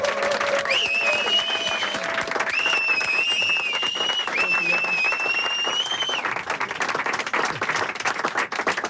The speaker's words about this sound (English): Anyway, we will make the biggest round of applause, and then he will suddenly appear here and play the most amazing set.